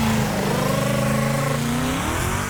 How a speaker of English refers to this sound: Jesus sounded like this. Sounded like a Mustang.